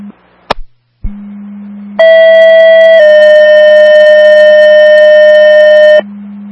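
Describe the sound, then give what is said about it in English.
Two-tone fire dispatch page from Kirkman County over a steady radio hum, calling an investigation of a gas odor in a residence at 568 McGowan Road: a brief click, then a loud, harmonically rich tone for one second shifts to a second, slightly lower tone held about three seconds. “Kirkman County 2 Frankfurt, second tones for an investigation at 568 McGowan Road, apartment number 1, for an odor of gas in the residence.”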